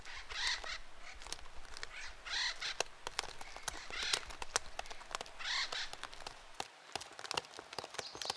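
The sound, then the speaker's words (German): Harsh, raucous acorn woodpecker calls repeat in rhythmic bursts, joined by sharp tapping clicks, loud against a faint outdoor background. “Eichelspechte leben in Familiengruppen mit komplizierter Sozialstruktur.”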